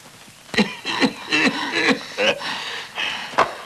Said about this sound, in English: What's the matter? Nothing. Just coughing.